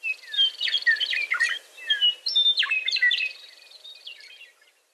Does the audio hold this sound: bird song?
yes